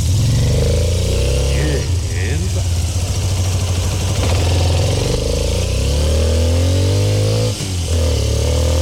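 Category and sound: vehicle, motorcycle engine revving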